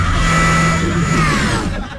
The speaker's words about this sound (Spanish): ¡Con la licuadora hace mucho ruido!